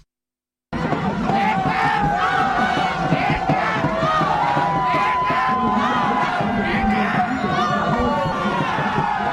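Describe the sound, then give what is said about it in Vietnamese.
A large crowd of football fans on Nguyen Hue walking street in Ho Chi Minh City, Vietnam, shouts and cheers in the rain as Vietnam beats Malaysia in the AFF Cup 2026 semifinal first leg, a loud, dense roar of overlapping voices with excited yells rising above it, starting abruptly after a brief silence. “Kết thúc trận đấu bán kết lượt đi AFF Cup 2026 giữa Malaysia và Việt Nam vang lên, cũng là lúc các cổ động viên tại phố đi bộ Nguyễn Huệ hò hét trong sung sướng.”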